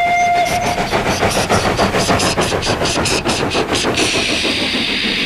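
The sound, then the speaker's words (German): Horns of two diesel locomotives blare loudly over the rapid, rhythmic clatter of a passing train, the tone shifting higher near the end as the rumble continues. “Diese Loks haben keine Pfeifen, sie haben stattdessen Hupen.”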